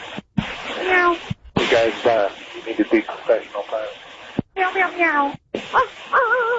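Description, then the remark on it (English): Several pilots imitate cat meows over a crackly, narrow-sounding radio channel, a series of drawn-out mewing calls in short bursts separated by brief silent gaps. “Guys, you need to be professional pilots. Meow, meow, meow.”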